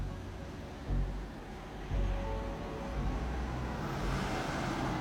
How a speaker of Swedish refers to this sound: körs Yahya Hassan mot Valsmose i en bil med tonade rutor